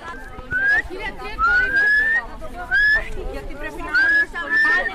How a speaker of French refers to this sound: En fait, je le guide avec le sifflement. Ah. Nouvelle technique.